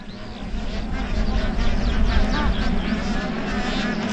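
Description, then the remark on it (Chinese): A mated pair of black-necked cranes trade rapid, overlapping calls in a perfectly synchronized, continuous duet, the high bugling notes repeating steadily over a constant low rumble of background noise. “完美同步的啾啾和鸣，展现了黑井鹤夫妻亲密和谐的夫妻感情。”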